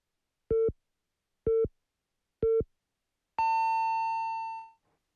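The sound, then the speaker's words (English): Hourly time signal on FM Busan English radio marking 9 o'clock: three short, evenly spaced low beeps a second apart, then one longer, higher-pitched beep that fades out. No voices. “The time is now 9 o'clock.”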